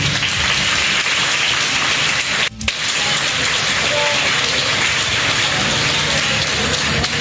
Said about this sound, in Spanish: los aplausos para esas mujeres que se nos han adelantado, esas mujeres valientes, esas mujeres que acá en la tierra sufrieron con sus esposos, con sus hijos, con su familia, lucharon para sacarlas adelante. Fuerte los aplausos para ellas, por favor.